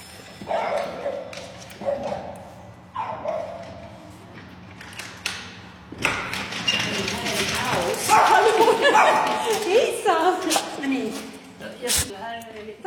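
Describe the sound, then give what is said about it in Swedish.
Two small female French bulldogs, Lovis, almost 9, and Maiken, almost 6, bark and yip excitedly as their owner opens the door to her Stockholm apartment, a few short barks at first, then a burst of overlapping barking and whining alongside door creaks and shuffling, with a voice speaking over it. “Hennes två fransk bulldog-tikar tar emot när hon öppnar dörren till lägenheten.”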